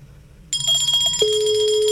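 After a brief quiet moment, the ring tone of an outgoing call placed on an Olímpica Estéreo radio show starts abruptly, with bright high tones followed by a steady, sustained lower beep, loud, with no one talking.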